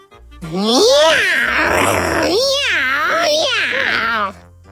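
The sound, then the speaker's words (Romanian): A voice imitates an angry cat, a loud, drawn-out yowling growl that swoops up and down in pitch through three or four wavering swells over about four seconds. “Fac o pisică nervoasă.”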